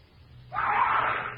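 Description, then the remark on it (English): A man's single drawn-out scream bursts in after a quiet moment in a jungle at night, holding strong and raw for about a second before easing off, with no other voices around it. “I head for the scream.”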